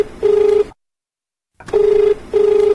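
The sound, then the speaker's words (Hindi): A telephone rings for an incoming call to the Hello Kisan programme: steady electronic ring tones in repeated pairs of bursts, broken by a second of silence, loud against a faint background hiss. “Doctor साहब एक phone आए गलबा।”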